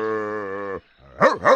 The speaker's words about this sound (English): A dog! I like dogs!